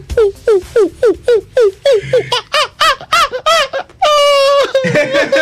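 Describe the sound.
A person imitates a monkey in depression, as part of an animals-in-depression bit on the morning show of Sfaira 102.2 radio, with a rapid run of about a dozen short, hooting yelps, ending in a longer strained squeal; loud, with no ordinary speech.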